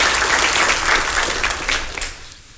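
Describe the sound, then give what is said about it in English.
A church audience applauds together for three newly baptized men, a dense wash of many hands clapping at once, sustained and fairly loud before thinning out and fading toward the end. “Let's give all these guys a round of applause for their faithfulness.”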